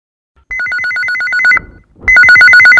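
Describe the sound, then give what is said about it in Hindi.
A telephone rings loudly, a rapid warbling two-tone electronic trill in two bursts separated by a brief pause, with no voices, introducing a radio phone-in song request segment. “फोनी फरमाइश।”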